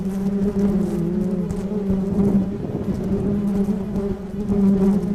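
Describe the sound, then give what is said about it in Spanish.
A dense swarm of bees in Baja California, Mexico, being sorted by a beekeeper who checks whether they are aggressive, drones steadily and loudly, a continuous layered buzz with wavering pitch and no voices. “Él clasifica enjambres, revisa si las abejas son agresivas o no.”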